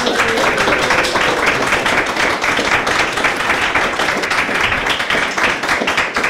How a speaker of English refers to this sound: Can everybody clap